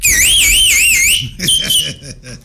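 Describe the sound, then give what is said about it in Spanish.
A voice imitates an alarm with a high, warbling, siren-like wail that rises and falls rapidly for about a second, then breaks off into loud talking. “Pues agarra, imita una alarma.”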